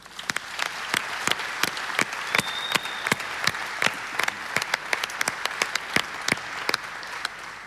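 An audience at a church-organized political hearing in Vårgårda breaks into steady applause for the whole of Vårgårda, many hands clapping in a dense, even patter with sharp louder claps standing out throughout, sustained for several seconds with no talking.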